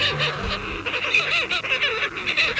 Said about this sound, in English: Seabirds, like this short-tailed shearwater, spend most of their lives on the open ocean.